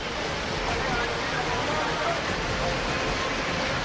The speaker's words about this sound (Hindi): अब राजस्थान के झालावाड़ का हाल देखिए। चार घंटे के भीतर 300 मिलीमीटर बारिश हुई और इलाके में लोग त्राहिमाम कर उठे। ये स्कूल का वीडियो है। यहाँ पानी ऐसे बह रहा है मानो बांध खुल गया हो।